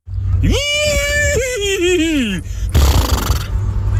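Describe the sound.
A man's voice imitates a horse's whinny as the winning entry of a horse-impression contest, a loud, rising then wavering and falling cry lasting about two seconds, followed by a burst of noisy rustling or crowd sound.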